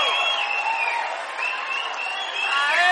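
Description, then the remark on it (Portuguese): Steady audience applause for the composers fills the space, dense clapping with some crowd cheers and whistles rising near the end, loud and continuous throughout. “Por favor, senhoras e senhores, uma salva de palmas pro nosso compositor,”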